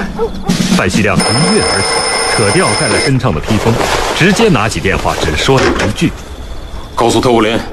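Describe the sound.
An alarm clock rings at the Sixth Regiment headquarters in Danping Town for roughly two seconds with a steady, shrill bell tone, partly under a voice talking over it, then stops while the speech continues.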